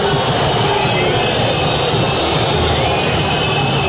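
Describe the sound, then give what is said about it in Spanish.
A stadium crowd at an Independiente football match whistles loudly and continuously as player Leonardo Godoy is substituted off, a dense, shrill wash of whistles over a roaring mass of voices that holds steady throughout with no break. “Silbadísimo.”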